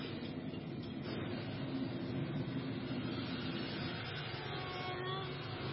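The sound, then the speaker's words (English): A steady, continuous roar of an old car cruising along a freeway, with low engine rumble and broad road and wind noise holding at an even, fairly loud level throughout. “I think I'll give this old baby a spin on the freeway.”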